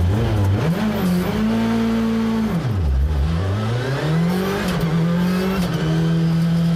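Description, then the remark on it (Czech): Václav Pech junior's rally car engine revs hard during his last test near Plzeň before the Barum Rally Zlín. Its pitch climbs, drops sharply around a gear change, then rises again in a loud, continuous roar with no voices. “Rozpálené pneumatiky a hlavně hledání správného nastavení.”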